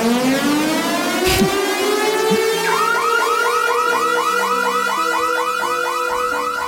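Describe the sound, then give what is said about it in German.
A loud electronic alarm siren jingle announcing an open-air festival: a steadily rising wail gives way to fast, repeating warbling sweeps, sounding continuously, with no voices. “Wir haben gerade vorher gehört, Open Air Alarm fürs Lake & Sound”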